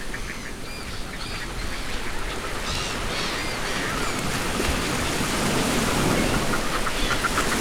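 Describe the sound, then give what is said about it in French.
A diurnal raptor, a bird able to reach 350 km/h in flight and built to hunt other birds, gives a series of sharp, repeated calls, heard over a steady rushing wash of background noise like rain or running water. “C'est un rapace diurne qui est profilé pour se nourrir d'autres oiseaux.”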